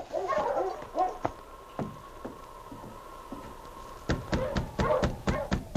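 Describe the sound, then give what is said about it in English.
Sergeant Preston's husky, King, barks and yelps in short bursts, then a quick run of sharp, loud barks near the end, over a faint steady tone and light tapping. “And it was some time later when Sergeant Preston and his great dog, King, went over the same hard-packed trail.”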